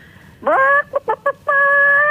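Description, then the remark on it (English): A caller's voice imitates a chicken, loud: a rising squawk, three quick clipped clucks, then a long drawn-out call at a steady pitch. “All right, give me your best chook impression”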